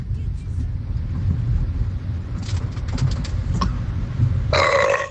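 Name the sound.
burp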